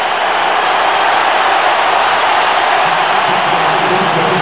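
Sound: stadium crowd ovation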